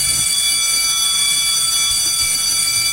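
A loud electric bell rings continuously for about three seconds, a steady, shrill high-pitched clang with a low rumbling hum underneath.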